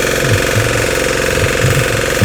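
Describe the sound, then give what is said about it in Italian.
A motor hoe engine, fitted with an adapted furrower and used to prepare soil for transplanting or sowing, runs steadily and loudly with a rapid rattling, hammering chug throughout and no talking. “Prendo questo assolcatore, l'ho adattato. Bello, la zappa, vedi, moto zappa.”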